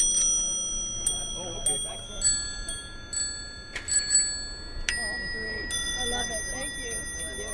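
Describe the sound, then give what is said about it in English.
Vintage bells on old bicycles at the Lake Pepin 3-Speed Tour ring again and again, bright metallic dings overlapping at irregular intervals, with a murmur of people talking in the background. “Plus, they've got holders for flasks and tobacco pipes and vintage bells.”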